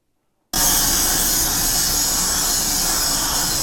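After a brief moment of silence, a loud, harsh grinding and polishing noise starts abruptly and runs steadily without a break, with no voices, as production line workers polish parts in a factory.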